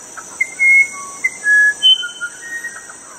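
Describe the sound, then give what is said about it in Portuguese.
A handheld bird-call whistle imitates birdsong with a quick series of short, clear whistled notes that rise and fall, fairly loud, over a steady high-pitched buzzing background. “Estamos à disposição para fazer a piação.”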